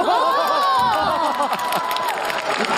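A crowd claps and cheers continuously, with excited high-pitched shouts and whoops layered over steady, dense applause at a loud, even level.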